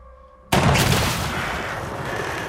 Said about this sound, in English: A gunshot slaps the water just in front of him.